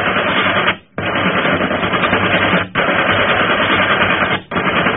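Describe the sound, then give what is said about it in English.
Heavy gunfire from ship guns firing on another ship roars in long, dense rattling bursts, broken by brief pauses roughly every two seconds, loud and continuous with no voices. “Keep firing!”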